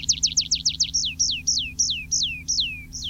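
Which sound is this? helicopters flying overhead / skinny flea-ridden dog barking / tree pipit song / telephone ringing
tree pipit song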